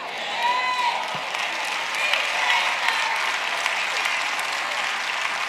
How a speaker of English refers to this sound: The claps are getting lower and lower and lower.